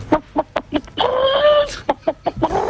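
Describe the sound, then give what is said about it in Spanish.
A person imitates a hen's egg-laying cackle: a rapid run of sharp, rhythmic clucks breaking into one drawn-out squawk, then more clucks, fairly loud. “Sí, sé alguno más, por ejemplo, la gallina. A ver. Cuando está ya deponiendo.”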